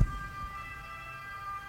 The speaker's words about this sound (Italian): Ma questa è una sirena.